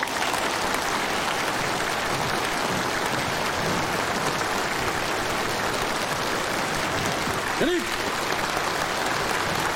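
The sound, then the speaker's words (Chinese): A large crowd of students claps steadily and enthusiastically for the full stretch, a dense, even wash of applause welcoming the Trident team of the Pingan City Public Security Bureau to their college. A brief high vocal whoop comes near the end. “同学们，让我们以最热烈的掌声欢迎平安市公安局三叉戟团队来我院莅临指导。”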